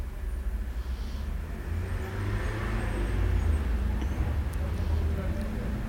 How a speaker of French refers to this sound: Des voitures qui viennent de la rue du Fou.